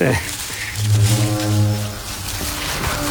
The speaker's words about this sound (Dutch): Ja, weer die toeter. Ja. Hij lijkt wel dichterbij, hè?